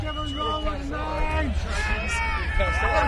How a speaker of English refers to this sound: We've got some strong shouting coming from the crowd for this one. Yeah. Big feelings. I don't know what they're saying.